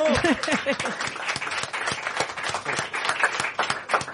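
Steady audience applause, dense overlapping claps sustained throughout, with a brief voice-like tone at the very start before the clapping takes over; an affectionate round of applause for a guest on the show Quack and Roll.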